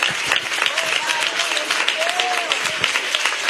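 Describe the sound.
An audience claps steadily throughout, a dense wash of many hands, with faint voices calling out and a few brief tonal whoops rising above the applause.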